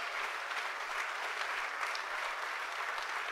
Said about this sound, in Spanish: Denle el aplauso a Jesucristo.